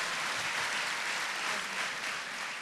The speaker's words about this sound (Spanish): Y al equipo de trabajo, aplausos al Señor por eso.